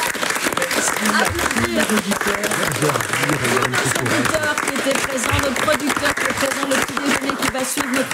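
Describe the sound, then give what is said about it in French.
A loud, dense burst of audience applause fills the whole clip with steady, crackling clapping, while voices murmur and chatter underneath. “Oui, applaudir merci.”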